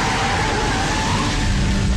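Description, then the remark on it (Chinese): A police car siren wails faintly, not far off, over a steady low rumble of traffic or an idling engine, its tone holding fairly level across the whole stretch with no voices. “车停好之后，关宁打开车门想走开，听到不远处的警车声。”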